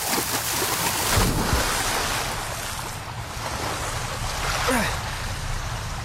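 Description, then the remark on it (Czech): A river current rushes steadily and loudly, a continuous broad wash of churning water with a few brief swells and splashes rising out of the flow, the strong midstream current pulling a fisherman's boat toward a waterfall. “Nepouštěj se doprostřed řeky, rybáři! Vesluj ke břehu! Nejde to! Prout mě strhává k vodopádu!”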